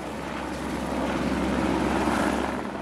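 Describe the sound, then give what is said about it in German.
A helicopter roars steadily as it works to fly 37 nets to where they are needed, its dense rotor and engine noise filling the whole stretch and swelling slightly louder midway, with no voices present. “Nur rund einer Stunde hat ein Helikopter sein Arbeit aufgeschlossen.”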